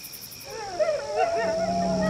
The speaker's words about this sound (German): Oh, Wölfe! Oh nein, was sollen wir tun? Die kommen immer näher.